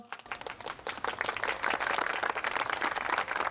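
A crowd applauds steadily for a sorikkun (Korean traditional singer) stage performance, many hands clapping in a dense, continuous wash that swells after the first second and stays loud throughout, with no one speaking.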